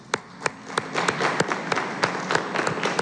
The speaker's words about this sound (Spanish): Muchas felicidades. Un aplauso.